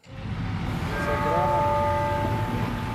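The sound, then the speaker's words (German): Busy metro-exit ambience on the square by the Nativity facade of the Sagrada Familia in Barcelona, where a small crowd has gathered, with a train rumbling past: a steady loud roar topped by sustained metallic, slightly wavering squealing tones that linger for several seconds. “Der Platz vor der Sagrada Familia in Barcelona. Am U-Bahn-Ausgang bei der Geburtsfassade hat sich eine kleine Traube Menschen angesammelt.”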